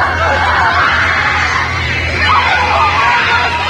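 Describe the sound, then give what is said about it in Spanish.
A large crowd screams and yells together in a dense, continuous roar of panicked voices, loud and sustained throughout with no pauses, in a school gymnasium as the walls shake and the lights burst, in the film Carrie. “Los focos revientan. Todos gritan.”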